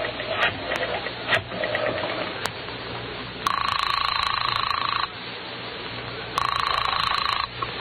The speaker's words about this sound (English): And now our hero staggers to his feet and heads for the phone. Then, with none too certain fingers, he dials the police.